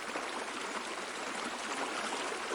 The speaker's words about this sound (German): Das Wasser muss weg. Jetzt haben wir's gleich. Gleich sind wir durch. Achtung, Wasser kommt.